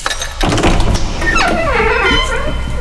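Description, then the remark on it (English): The door to room number one in a quiz game opens with a loud thunk, followed by a long creaking hinge that rises and falls in pitch, clear, with no voices. “Well, open the door, but go into room number one first.”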